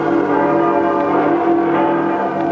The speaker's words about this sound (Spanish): Las campanas lanzan festivas sus voces de aleluya.